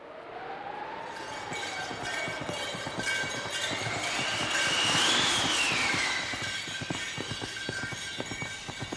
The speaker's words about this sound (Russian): И вот уже быстрые лошади мчат ее в Сибирь.